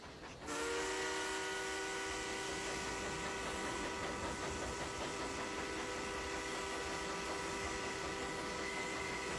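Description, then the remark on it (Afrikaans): A steam train rolls along the rails, a constant rumbling clatter underneath a long, steady multi-tone whistle that starts abruptly and holds unbroken, loud throughout, with no voices. “Vierkus, stoom, wiele, spore, tjoek, Chaka chaka chaka.”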